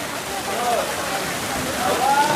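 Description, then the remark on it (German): Water shoots steadily from a thick pipe into a pool as young people jump in, a continuous rushing roar at moderate loudness, with faint voices and shouts of people in the background. “Aus einem dicken Rohr schießt Wasser in das Becken, Jugendliche springen hinein.”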